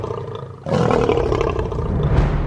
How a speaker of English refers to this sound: So the louder the roar, the better. In fact, a lion's roar can be heard up to 8 kilometres away. Lions use their impressive roar to warn rivals and to instill fear into all who hear it.